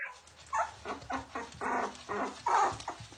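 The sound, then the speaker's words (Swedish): Six puppies, a sled dog and bird dog mix born in November to a dog named Dagmar, whimper and yip in an apartment in a string of short, high-pitched cries, about half a dozen in quick succession, fairly loud, with no one talking. “I november födde Dagmar 6 valpar.”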